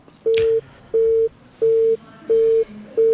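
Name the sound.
phone call cut off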